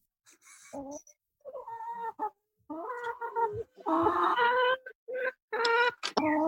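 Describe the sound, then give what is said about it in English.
Chickens cluck and call in a series of short, loud bursts, answering a call and calling back to one another, with a few higher squawks mixed in and brief pauses between calls. “These ones were definitely listening to the call and calling back.”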